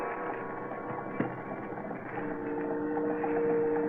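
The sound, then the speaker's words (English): A boat's engine churns steadily with faint mechanical clatter and creaks, one sharp knock early on, and a droning tone that swells slightly toward the end, as the boat comes into port at a little town on the coast of Martinique, French West Indies, in early evening. No one speaks. “At a little town along the Martinique coast, a boat has just come into port.”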